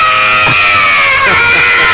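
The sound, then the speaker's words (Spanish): A loud human scream of pain, performed rather than real, held for about two seconds as one continuous high-pitched cry that wavers slightly in pitch. “Haz el grito. ¡Ah!”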